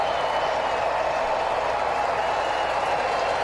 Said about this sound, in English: And now the sellout crowd rises to their feet as they start to roar for Didier Fuentes.